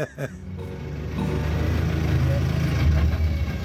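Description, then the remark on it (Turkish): A heavy bus engine rumbles in after a brief knock, its deep, steady drone swelling louder over a few seconds as the vehicle approaches. “Otobüs geliyor.”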